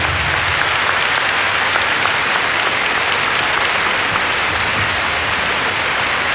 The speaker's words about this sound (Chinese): 在这里我首先想借大家的掌声，多谢我们今晚…乐队…先生率领的 Thank you。